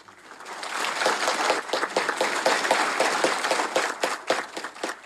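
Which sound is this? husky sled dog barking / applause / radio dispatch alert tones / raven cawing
applause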